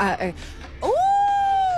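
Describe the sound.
A person imitates a wolf howl: a brief spoken bit, then a loud voiced tone that swoops upward and holds steady for about a second.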